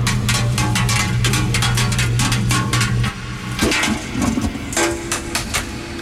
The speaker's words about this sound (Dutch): We gaan dobbelen met deze mooie prullenbak. Daar zit de dobbelsteen ook in, dus vandaar dat geluid natuurlijk.